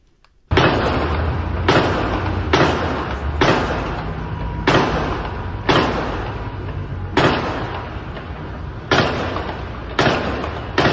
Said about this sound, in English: That's 10 gunshots right there. Again, sounding like they're coming from higher up.